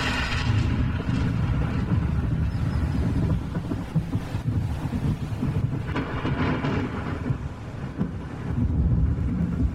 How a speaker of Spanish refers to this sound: Trueno bendito, mensajero de la lluvia que enriquece la tierra.